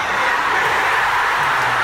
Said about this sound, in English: World Cup starts today, so we've got the World Cup crowd here. Here they are, lads! So there you go. Anybody needs a cheer, I've got the lads here to do the cheer. World Cup!